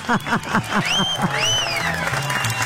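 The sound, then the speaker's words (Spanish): A short burst of applause on the radio station Éxitos de Cristal 103.7 for Hugo's dish of rajas de chile poblano with corn, steady clapping throughout, joined by rising whistles and brief cheering voices over the crowd noise. “Tú, aplauso para Hugo.”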